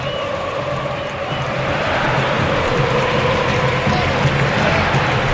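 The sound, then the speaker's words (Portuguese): A large stadium crowd of football fans at an arena roars steadily near the end of a Chapecoense match, a dense wash of cheering and chanting that swells slightly and holds loud throughout, with no clear individual voices standing out. “Ouça a torcida aqui na arena.”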